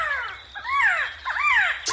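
A resplendent quetzal, the national bird, sings a string of about four loud, rich, arching notes that rise and then slur downward, each note full of harmonics, over a faint low rumble with no talking.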